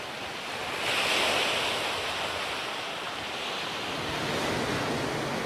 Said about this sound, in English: We got aboard ship, and if you're not familiar with San Diego, the water's like this all the time, big waves.